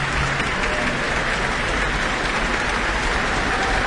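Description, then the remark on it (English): An APO concert audience applauds soloist flutist Camila Hoitenga as she bows on stage, in a dense, steady wash of clapping that holds an even loudness for the whole few seconds, with no voices standing out above it. “And tonight's soloist, flutist Camila Hoitenga, is back on stage now, basking in the applause.”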